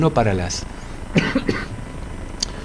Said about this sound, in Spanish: Uno, y yo con tos.